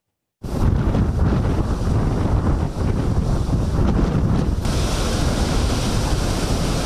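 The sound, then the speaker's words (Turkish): Heavy sea waves in Istanbul surge and crash continuously in rainy weather while strong wind blowing at 70 kilometres per hour roars and buffets the microphone, a loud, dense wall of rushing water and gusts with no voices. “Saatte 70 kilometre hızla esen rüzgarla birlikte denizde dev dalgalar oluştu.”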